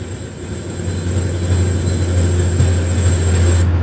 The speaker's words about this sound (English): Are these things? Yeah, the 4,500 rounds per minute guns we have on our ships. Is that it right there? Yeah. Okay. The auto cannon.